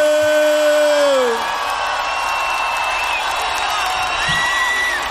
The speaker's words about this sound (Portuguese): gostaria que você desse uma salva de palmas.